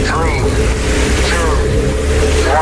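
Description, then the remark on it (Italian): A loud, steady engine-ignition sound effect on the radio show Gagarin on Radio Rock, deep and continuous like engines firing up, with warbling, voice-like tones rising and falling over the top. “Accensione motori.”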